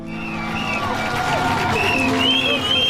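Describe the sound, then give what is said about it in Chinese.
Roar of a large crowd of over 400,000 spectators gathered at dawn at the harbour of Les Sables-d'Olonne, Vendée, France, cheering off departing sailors at the start of the 10th Vendée Globe solo non-stop round-the-world sailing race. Many overlapping voices, shouts and whistles rise over a steady, loud wash of noise throughout. “晨曦中，有40多万名观众从4面8方赶来，他们聚集在港口，为即将踏上征程的水手们助威送行。”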